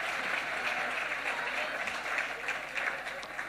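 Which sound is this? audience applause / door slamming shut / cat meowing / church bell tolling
audience applause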